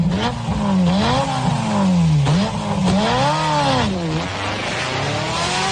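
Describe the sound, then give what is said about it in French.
A Ferrari sports car engine roars loudly, revving up and down in several swelling bursts, its pitch climbing and dropping with each throttle blip, with no voices. “Ce rugissement du moteur, c'est tout le défi de la marque italienne aujourd'hui.”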